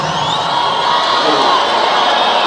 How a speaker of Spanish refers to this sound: Un fuerte aplauso para el Pollito de Santa Feria.